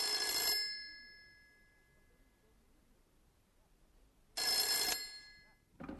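A telephone bell rings in two loud, bright bursts about four seconds apart, each roughly half a second long, with a faint ringing tail and a quiet pause between them.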